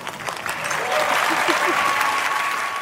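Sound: audience cheering and applauding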